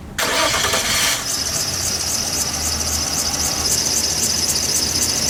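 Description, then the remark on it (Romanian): A car engine cranks over and over without catching, a harsh grinding burst up front giving way to a steady, squealing whine with a regular pulsing beat, loud, with no voices. “Of, te-a găsat mașina din nou.”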